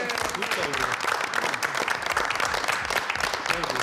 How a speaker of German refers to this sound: Schön. Applaus!